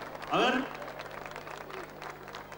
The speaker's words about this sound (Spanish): el aplauso.